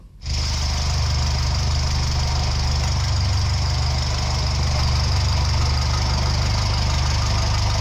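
A small popular car's engine kicks in almost immediately and runs at a steady idle, a loud, continuous rattly rumble with a throbbing low pulse and no voices.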